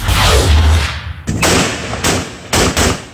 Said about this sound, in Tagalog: Umalinaw-ngaw ang sunod-sunod na putok ng baril mula sa apat na armadong lalaki sa Arayat, Pampanga noong Sabado ng gabi. Gumagamit sila ng iba-ibang uri ng armas na walang pakundangan nilang ipinapaputok pataas.